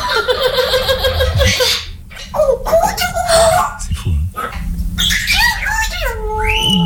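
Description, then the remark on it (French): A parrot chatters and squawks for several seconds, mixing raspy giggle-like bursts with bright whistles and sliding, voice-like tones. “Et voici un perroquet.”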